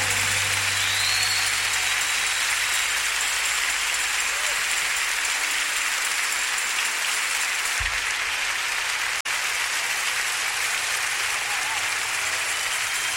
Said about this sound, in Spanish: aplauso más fuerte, hermano.